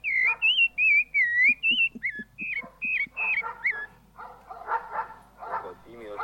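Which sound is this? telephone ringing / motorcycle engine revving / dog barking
dog barking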